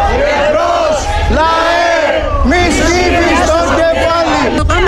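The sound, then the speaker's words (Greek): Outside the hospital in Volos, Greece, a large crowd chants the protest slogan "Embros lae" ("Forward, people") in unison, loud and rhythmic, the massed voices rising and falling in repeated phrases with shouting and a steady roar of noise beneath. “Φώναζε παιδιά το σύνθημα μαζί τους.”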